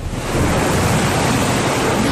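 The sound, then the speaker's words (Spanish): Heavy rain pours down in Sitges, Spain, flooding the seafront promenade of San Sebastián beach, in a loud, steady, dense hiss that roars without pause across the whole clip, with no voices heard. “Y vamos a escuchar el sonido de la lluvia en Sitges.”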